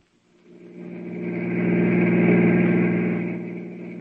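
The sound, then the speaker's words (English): A car engine rumbles steadily, fading in over the first second and then holding a strong, even drone with a low hum and a faint higher whine. No one speaks. “Get the car.”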